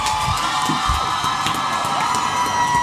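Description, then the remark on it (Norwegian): A theatre audience cheers and whoops after a play has ended, in a steady, loud wash of many voices, with high shouts rising above the dense crowd noise throughout. “Tilbake i teatersalen er stykket over, og publikum er begeistret.”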